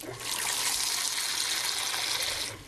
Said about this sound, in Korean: 여기가 미륵사인가요? 예, 여기 미륵사. 떠서 아니 여기 수도꼭지를 틀면 물이 저절로 나와요. 아 이거구나. 전부다 예 이쪽은 안반이잖아요. 아 이 안반에서 내려오는. 예, 예.